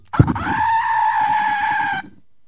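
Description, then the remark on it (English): A goat bleats once, a loud, nasal cry held for about two seconds after a brief thump, then cut off abruptly, with nothing else around it. “And I have a goat.”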